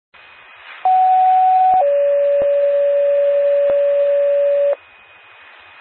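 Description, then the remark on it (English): Two-tone emergency dispatch pager alert paging Medora Ambulance and Medora Rescue to 102 Dunn Street, Chesterfield, for an unresponsive male who is not breathing: a steady higher tone for about a second jumps straight into a longer, lower tone lasting around three seconds, both loud over a faint radio hiss. “Attention, Medora Ambulance, Medora Rescue.”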